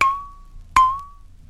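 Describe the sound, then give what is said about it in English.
A glass bowl is struck twice, each tap giving a bright, clear ring that sustains for about half a second before fading. The two strikes come roughly three-quarters of a second apart. “Number 13, a glass bowl.”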